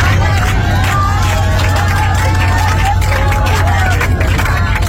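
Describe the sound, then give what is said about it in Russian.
About 180 passengers clapping and singing together aboard an airplane after landing, following a sharp descent, voices blending into a loud, continuous din over a steady low engine hum. “Вопли ужаса и молитвы во время резкого снижения самолета сменились аплодисментами и песнями счастливых спасенных уже после посадки.”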